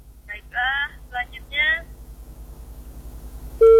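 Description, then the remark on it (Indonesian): A radio listener's voice talks briefly on a phone call over a faint low hum, then after a pause a loud, steady phone-line tone cuts in abruptly at the very end as the call is cut off. “Baik, telepon kita terputus bersama pendengar baru saja dan silakan bergabung kembali”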